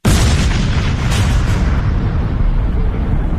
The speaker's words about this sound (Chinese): 爆炸声一响，驻守在古土里的美军部队就知道了，当场就慌了神儿。